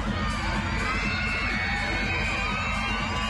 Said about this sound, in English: Plenty of screaming fans in the house tonight.